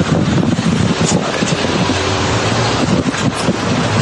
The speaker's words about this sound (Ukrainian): Вот все, машины стоят. Это я на самокате еду.